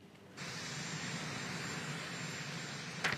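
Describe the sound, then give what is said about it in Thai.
An airplane engine roars steadily after a brief quieter start, a broad, continuous rumble and hiss that holds constant throughout, with a short sharper burst just before the end, as US President Donald Trump's plane leaves the United States for China on a Tuesday afternoon, local time. No one speaks. “โดนัลด์ทรัมป์ประธานาธิบดีสหรัฐออกเดินทางจากสหรัฐแล้วนะคะมุ่งหน้าไปจีนขึ้นเครื่องบินไปเนี่ยช่วงบ่ายวันอังคารตามเวลาท้องถิ่นที่สหรัฐ”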